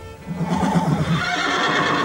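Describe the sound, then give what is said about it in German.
A horse whinnies in a stable holding two horses, a loud, wavering neigh lasting about two seconds with a rough, breathy tail, heard alone without any talking. “Und drinnen standen zwei Pferde, zwei schöne Pferde, die uns die Köpfe zuwandten.”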